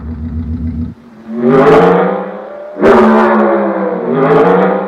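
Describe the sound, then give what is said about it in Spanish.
A powerful car engine idles with a steady low rumble, then revs hard twice, each rev climbing sharply in pitch and roaring loudly before easing off, with no talking. “Necesitaba saber lo que sentía conduciendo el auto más veloz del mundo.”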